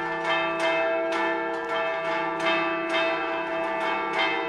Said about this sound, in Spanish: Suenan las campanas, tradición también en este programa. Antes de que termine el Tajaraste de hoy, suenan las campanas de la Catedral Lagunera porque el Cristo ya está en la calle.